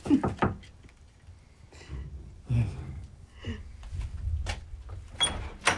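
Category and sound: household object, knocking on a door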